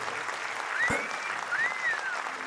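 Steady audience applause fills the whole clip, a dense hiss of many clapping hands with no one speaking, and a couple of faint rising-falling whistle-like tones over it.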